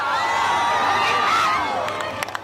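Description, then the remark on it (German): A crowd on the beach at Soller cheers during a solar eclipse, with a small cloud in front of the sun. Many overlapping voices shout and whoop, and a few sharp claps break through near the end. “Am Strand von Soller hat sich ein Wölkchen davor geschoben. Trotzdem auch dort Jubel und Applaus.”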